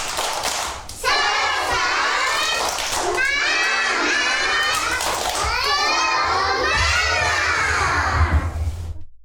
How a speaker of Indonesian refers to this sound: Oke, supaya lebih semangat lagi, coba kita tepuk semangat lagi yuk. Tepuk semangat.